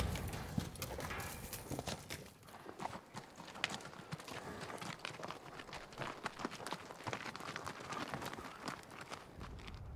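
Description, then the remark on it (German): Cowboys' horses galloping through a forest in pursuit of fleeing cattle, their hooves pounding in a rapid, continuous drumming that stays loud and steady for the whole stretch, with no voices over it. “Nur auf Pferden kann man ihnen jetzt folgen.”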